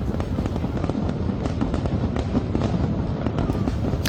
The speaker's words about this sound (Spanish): Y estamos en vísperas del gran día de las fiestas de San Mateo. Hoy los ovetenses van a poder disfrutar de la noche de los fuegos artificiales como previa al reparto del bollo de mañana.